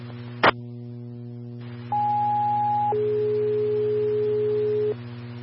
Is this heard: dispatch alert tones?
yes